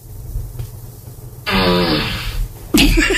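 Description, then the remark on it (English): A fart sound effect plays from a small smart speaker, asked for by a voice command to Alexa: a loud, buzzy, sputtering blast lasting about a second over a low background rumble, then a sharp, abrupt burst right after. “Alexa, ask for a fart.”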